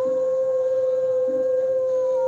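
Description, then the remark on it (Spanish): Someone imitates a wolf with one long, steady howl, holding a single high note at full volume for a couple of seconds with no break and no talking. “Buena, papi, buena huido el lobo, ¿ah? Es el lobo con experiencia, el lobo experimentado, como tiene que ser.”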